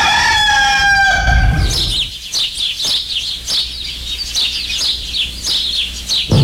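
A rooster lets out one loud, drawn-out crow that falls in pitch at the end, followed by a busy stretch of rapid chirps and clucking from other birds, with no talking.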